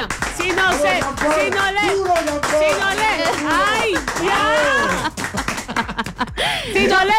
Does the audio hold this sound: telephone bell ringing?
no